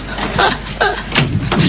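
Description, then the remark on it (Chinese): A locked door in a home is unlocked and pushed open, with a few knocking, clattering bumps and muffled voices mixed in over a short span. “这， 开开门。”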